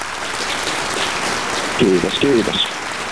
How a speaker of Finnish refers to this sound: täältä saat ehdottomasti aplodit.